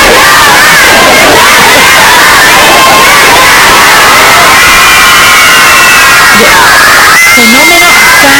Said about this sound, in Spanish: Vamos a escuchar cómo gritaban Can Yaman, y gritando, era así …, pues Can Yaman.